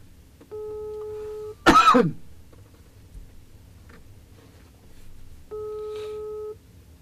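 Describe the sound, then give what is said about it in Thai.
Two one-second electronic ringback tones from an outgoing phone call to an invited guest, about four seconds apart, with a brief cough or throat clearing just after the first ring against quiet background hiss. “วันนี้เนี่ยนอกจากเป็นแขกรับเชิญแล้วยังมีในส่วนตัวนั่นก็คือความคิดถึงไม่ได้เจอกันนานเพราะฉะนั้นวันนี้โทรศัพท์หาสักหน่อยเลยแล้วกันนะครับ”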